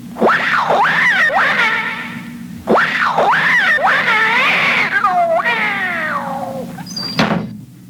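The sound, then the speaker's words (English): A cat being shooed out of a room yowls and meows loudly in several drawn-out, protesting cries, ending with a sharp thump like a door shutting. “But there is a cat in there. Not for long. Come on. Scat, cat!”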